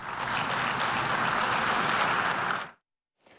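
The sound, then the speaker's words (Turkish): Steady applause from representatives of many countries for President Erdoğan's speech, a dense wash of many hands clapping at even loudness for nearly three seconds, then cutting off abruptly before a faint burst resumes. “Cumhurbaşkanı birkaç kez birçok ülkenin temsilcisi tarafından alkış aldı.”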